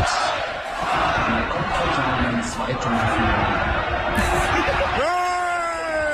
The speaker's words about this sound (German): Ja, der Jubel, als das Bild schwarz wurde, hat zum Glück nur so ein paar Sekunden gedauert.